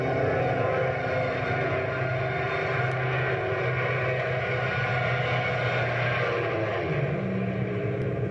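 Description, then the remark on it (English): A small propeller airplane engine roars steadily as the plane dives over a field, its droning pitch bending and shifting with a rising and falling whine, loud and continuous with no voices. “I'm free as a bird as long as the gas holds out. Please come down for my sake. No use arguing with me. Watch this dive over the field.”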